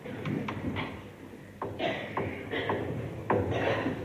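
A man slowly comes out of a second-floor door and quietly eases it shut, followed by a series of soft, muffled, ingratiating knocks spaced out unevenly, all fairly quiet.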